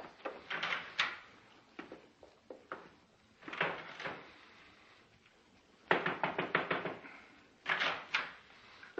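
household object, door closing

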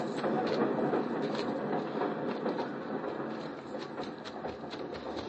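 vehicle, train at station

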